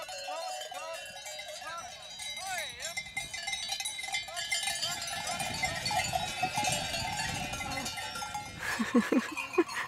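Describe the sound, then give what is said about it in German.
A herd of cows being lured with salt moves along, their cowbells clanging and jangling continuously in a busy, overlapping jumble, with faint bleating-like calls and indistinct voices in the mix. “Und der weiß, dass man Kühe mit Salz locken kann.”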